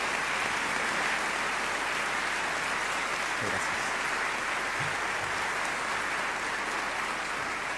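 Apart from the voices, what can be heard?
audience applause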